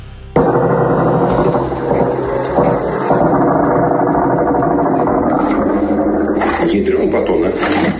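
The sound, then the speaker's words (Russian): Attack drones buzz overhead, flying over a house during a drone attack on the port of Ust-Luga, in a steady, loud mechanical drone that holds for several seconds, its whining hum mixed with voices. “Над домом летают. Жужжат, и все где-то летит.”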